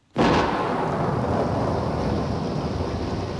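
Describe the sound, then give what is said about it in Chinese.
Heavy rain pours down in a dense, steady roar that starts abruptly and stays loud and constant, a thick hiss of countless drops with a low rumble underneath and no voices. “听唔听到好大嘅雨声啊？听住呢啲点滴嘅雨声，你会谂起咩呢？”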